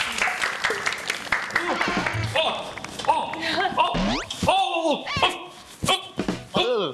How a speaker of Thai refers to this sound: และเพื่อไม่เป็นการเสียเวลานะครับผมขอเชิญครูสอนแอโรบิกได้เลยครับผมขอเสียงตบมือด้วยครับขอเสียงตบมือด้วยครับ